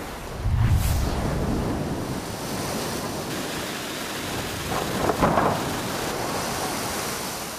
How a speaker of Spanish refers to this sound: Las olas comenzaron a golpear con fuerza cerca de las 10 de la noche y continuaron hasta horas de la mañana